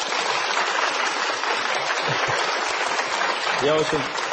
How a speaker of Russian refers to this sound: Спасибо. Я очень люблю, знаете, где-то у Булгакова, мне очень нравится, у него чудная фраза. Раздался аплодисмент.